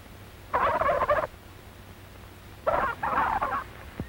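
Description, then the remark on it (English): A turkey gobbler on a farm, which has flown over the fence of the turkey yard, gobbles twice, each call a rapid, warbling burst lasting under a second, separated by a brief pause. The calls are fairly loud, with no talking. “He hears a turkey gobbler who flew over the fence of the turkey yard.”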